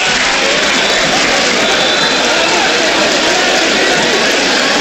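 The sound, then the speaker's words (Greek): A large football stadium crowd applauds after a badly taken penalty by Kanteveré is easily saved by Siampanis, a steady, loud wash of clapping and crowd noise that holds at an even level for the whole stretch without any clear break. “Χειροκρότημα πάντως από τον κόσμο.”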